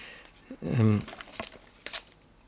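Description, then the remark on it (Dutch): A few quick, crisp paper rustles as pages of a German magazine are turned to find page 16, with a short murmured voice sound near the start; the flips are moderately loud. “Ik heb een Duits tijdschrift meegebracht waar iets in staat, ook over het Raspberry Pi.”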